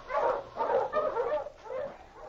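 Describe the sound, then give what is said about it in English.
A pack of sled dogs, Sergeant Preston's team with his great dog King, barks and yips excitedly in overlapping, continuous bursts, loud, with no voices, on a branch trail heading back to Selkirk. “On a branch trail a few miles ahead, Sergeant Preston and his great dog, King, were heading back to Selkirk after making a trip back into the hills.”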